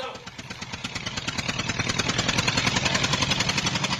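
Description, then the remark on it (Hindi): A tractor engine chugs in a steady, rapid rhythm, growing louder as it draws near, then settles into a close, even idle. “आ गया ट्रैक्टर।”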